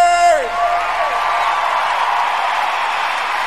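A loud concert crowd cheers and roars steadily, opening with a high shouted whoop that slides downward before the dense wash of cheering takes over.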